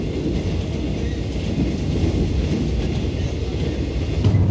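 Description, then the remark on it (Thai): A train rolls along railway tracks through the Dong Phaya Yen forest in Thailand with a steady, loud, continuous rumble heavy in the low end and a faint rattling texture on top, holding constant without voices. “การก่อสร้างทางรถไฟสำเร็จไปด้วยดีหลังจากนั้นเส้นทางรถไฟสายต่างๆก็ได้สร้างผ่านป่าดงพญาเย็นเพิ่มอีกหลายสาย”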